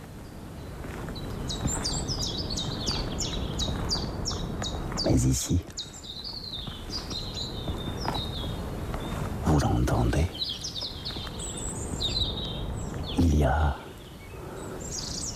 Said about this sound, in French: cette réverbération naturelle qui est produite par les gorges. Les falaises ici se font face à face.